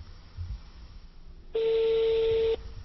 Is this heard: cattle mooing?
no